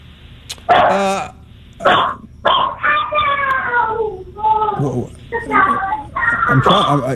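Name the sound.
dog barking unhappily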